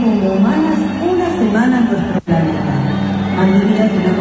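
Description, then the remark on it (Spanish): A concert crowd at a recital at the Arena whistles at a performer over a dense, steady roar of voices and chatter, with a brief dropout about halfway through before the noise resumes. “Escuchá cómo lo silban. Esto es del recital en el Arena.”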